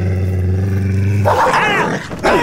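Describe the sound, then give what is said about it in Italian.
A dog growls low and steadily, then breaks into loud, vicious snarling for the last second or so, with no voices present. “Ma pensa a te se sono in balia di una deficiente e di un cane assassino.”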